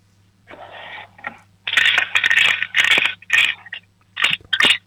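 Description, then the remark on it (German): Coins rattle inside a child's piggy bank as it is shaken, in several bursts of bright metallic clinking and scraping, fairly loud, with short pauses between shakes and no talking. “Ah ja, da sind schon einige Münzen drinnen, oder?”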